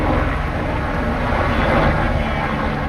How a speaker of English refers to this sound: A helicopter drops a bucket of water over the flames in Fontainebleau Forest, about 60 kilometers from the French capital.